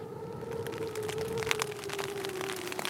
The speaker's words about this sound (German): Man muss einfach Geduld haben. Ich kann ja nicht raus in den Regen und abbauen. Dann wird ja alles nass.